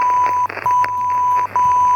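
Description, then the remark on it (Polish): A radio signal from the United Kingdom, received and filtered via SSB: a steady, high-pitched continuous tone that breaks off twice briefly, set against a noisy, crackling background of static bursts. “A teraz Wielka Brytania, tutaj przefiltrowana przez SSB.”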